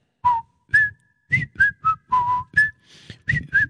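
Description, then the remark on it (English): Someone whistles a short, bouncy, self-composed tune, about nine or ten clipped notes with small gaps between them, moving up and down in pitch, with no talking. “I think we've had enough whistling.”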